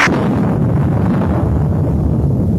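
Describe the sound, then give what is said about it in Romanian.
A deep, loud rumble of thunder rolls on without a break, starting with a brief crackling burst and then settling into a heavy, steady low growl. No voices are heard. “Ce-i asta, tunet iarnă?”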